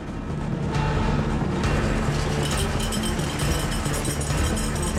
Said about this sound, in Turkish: Minibüs aradaki mesafeyi hızla aşıp Toyota'ya yaklaşıyor.